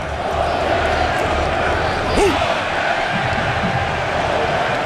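A football stadium crowd roars in a steady, dense wash of noise for the whole stretch, with one brief rising-and-falling shout standing out midway.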